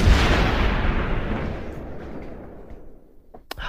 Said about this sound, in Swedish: Och nu kommer kanonerna då, får vi se om det var några här.